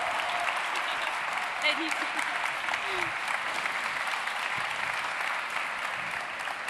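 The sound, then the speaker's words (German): Steady applause from an audience at an event in Saxony, welcoming the managing director of the innovation platform Future Sachs, a dense wash of clapping that holds at an even, fairly loud level for several seconds without a break. “Und da dürfen wir nochmal laut applaudieren.”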